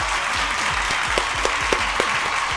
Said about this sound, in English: Well, let's take a round of applause for yourself then.